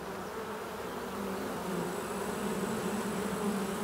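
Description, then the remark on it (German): A dense, steady drone of a swarm of honeybees, about 10,000 leaving an oak hollow with the old queen to seek a new, larger home, a continuous layered hum with no pauses, growing slightly louder toward the end. “Der halbe Staat aus der Eichenhöhle schwärmt und macht sich auf die Suche nach einer neuen, größeren Behausung.”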